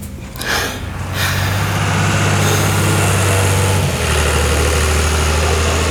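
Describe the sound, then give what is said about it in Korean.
A rough tractor engine rumbles low and steady, growing louder in the first second as it approaches, then chugging on with no voices; the tractor, carrying food-waste collection bins, is driving into a military unit's base. “잠시 후 거친 엔진 소리를 내며 잔반 수거통을 실은 트랙터가 부대로 들어왔다.”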